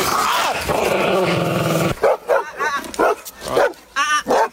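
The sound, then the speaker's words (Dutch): Dogs growl in a low, continuous rumble for a couple of seconds, then break into a string of loud barks and yelps in quick, uneven bursts. “Waren dat inderdaad van die lieve honden die we net hoorden?”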